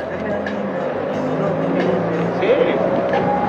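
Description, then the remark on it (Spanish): Cars roll past on a busy street in a steady, continuous rumble of engines and tires, with a brief rising engine whine partway through and faint voices murmuring in the background. “Déjalo, déjalo, que pasen los autos.”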